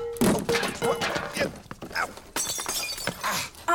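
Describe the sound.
A water pitcher falls and breaks: a crash with scattered shattering and clattering pieces, loud, with a voice speaking in the background.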